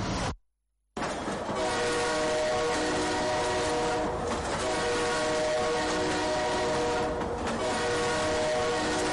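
A train horn blares loudly and steadily over the heavy rumble of a passing train, continuing for several seconds after a brief moment of silence at the start.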